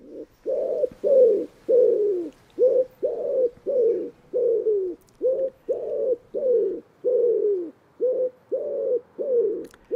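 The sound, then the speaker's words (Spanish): A common wood pigeon (Columba palumbus) coos steadily in open country of the Setúbal peninsula, a long run of soft, low, hollow notes in a rhythmic pattern with brief pauses between phrases, no voices present. “Y en este paisaje abierto aparecen ahora las palomas torcaces, nombre científico Columba palumbus.”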